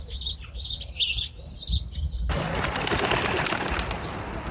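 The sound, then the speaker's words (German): Birds chirp in short repeated bursts in the harvest fields around Bethlehem, then a sudden dense whoosh of many wings flapping as a flock takes off, steady until the end. “Schau, Naomi, so viele Vögel.”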